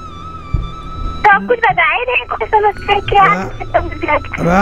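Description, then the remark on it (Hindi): A steady electronic telephone tone sounds for about a second, as if a call is waiting to be answered, then a voice begins talking over a faint, thin, phone-like line. “आपका फोन उठ जाएगा”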